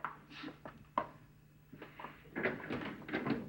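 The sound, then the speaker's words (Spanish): A door being opened: a few sharp latch clicks and knocks, then a longer rattling scrape as it swings, fairly quiet, with no voices. “Me voy a esconder mientras tú abres la puerta.”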